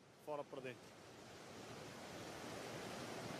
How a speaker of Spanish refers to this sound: Decidimos arrojar 2 a cada lado porque las olas nos golpean de frente en línea con el puerto.